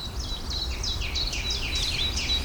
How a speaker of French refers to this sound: Grive. Eften, il y en a deux. Il y en a une qui chante, il y en a une qui crie.